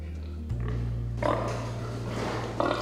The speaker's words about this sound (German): Für den Versuch bekommen die Schweine eine begrenzte Menge Futter. Die dominanten Tiere drängen die Schwächeren weg. In diesem Fall ist es Schwein Nummer 5, das bei den anderen Tieren Stress auslöst.